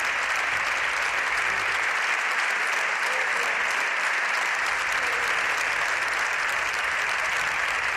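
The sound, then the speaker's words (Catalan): Sustained applause from the Partido Popular benches in parliament after a speech by Alberto Núñez Feijóo, a dense, even patter of many hands clapping at steady loudness for the full stretch, with no voices standing out. “Estem sentint els aplaudiments de la bancada del Partit Popular després de la intervenció d'Alberto Núñez Feijó, on ha demanat al president del govern, Pedro Sánchez, que convoqui eleccions”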